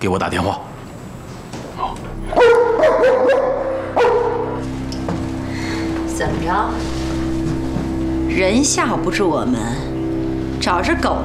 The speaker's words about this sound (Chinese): 怎么着？人吓唬不住我们，找只狗来吓唬我们吧？吓唬谁呢？不是吓唬你们，不知道这只狗吧？它专门吃人，尤其是那些下三滥的女人。